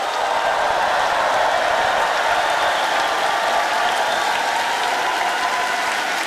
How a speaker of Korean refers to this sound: 여러분 뜨거운 박수를 아껴서는 안 되겠죠? 조금 더 박수 치겠습니다.